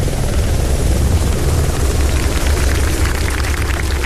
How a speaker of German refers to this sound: Um 14.12 Uhr landete der Hubschrauber der Flugbereitschaft auf dem Sportplatz vom FC Schwarte Rattenroda.